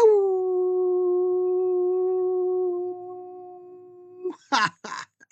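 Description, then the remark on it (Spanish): A single long, steady howl holds a nearly level pitch for about four seconds, loud, then breaks off into a few short, breathy yips or gasps. “y que le envío un mega súper genial abrazote, mis buenos deseos y un aullido.”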